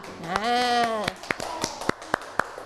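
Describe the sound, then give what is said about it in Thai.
A drawn-out vocal call opens, then schoolchildren clap for themselves at their teacher's request in a loose, uneven rhythm: about seven sharp, distinct claps, fairly loud, with light voice sounds between them. “ปรบมือให้ตัวเองหน่อยค่ะ”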